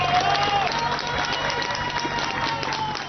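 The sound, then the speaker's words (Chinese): Rescuers and residents cheer and clap as a Spanish military emergency unit pulls a woman from a collapsed building after an earthquake, in a steady, loud wash of voices and applause, with scattered shouts rising over the din throughout. “而西班牙军事应急部队成功在一个倒塌的建筑中救出一名妇人，妇人被救出后被立刻送往医院救治，搜救人员与在场居民欢呼庆祝。”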